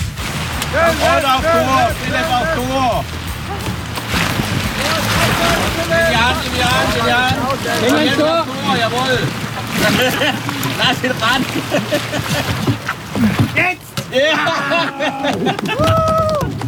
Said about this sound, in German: Das war Kanupolo im Opfingersee.